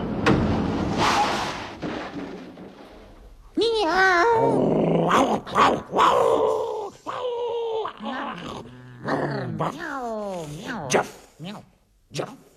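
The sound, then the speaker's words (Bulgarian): A rough, throaty dog growl rumbles for a few seconds, followed by a run of yelping, barking sounds mixed with talking, seemingly a voice imitating a dog, fairly loud. “Това съм едно бездомно куче.”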